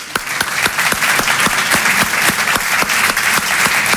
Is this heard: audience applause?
yes